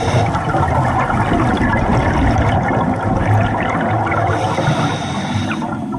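A Mediterranean monk seal, a rare seal species living around the uninhabited island of Sazan, calls with low, rough moaning sounds over a steady wash of water noise, loud and continuous for several seconds, with no talking.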